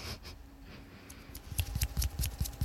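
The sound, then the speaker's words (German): After a quiet moment, a short burst of hand clapping starts, applauding a speech: roughly eight sharp, crisp claps in a quick, slightly uneven rhythm, with no voices. “Das ist mein feministisches Klatschen.”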